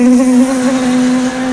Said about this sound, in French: Et là, t'as toutes les guêpes du quartier qui déboulent. Et là, pour lutter face aux guêpes, chacun a sa technique.